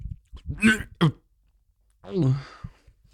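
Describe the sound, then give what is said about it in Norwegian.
Someone swallows a wad of warm, mint-smelling chewing gum: two quick throaty gulps followed, after a pause, by a longer strained, voiced throat sound, all fairly loud against a quiet background. “Jeg skal prøve å svelge.”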